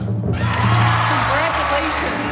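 After a brief quiet moment, a large audience at the 1997 Oscar ceremony in Los Angeles erupts into loud, sustained applause and cheering as Thomas Stellmach wins the Oscar for Best Animated Short Film for Quest, with excited shouts rising through the dense clapping.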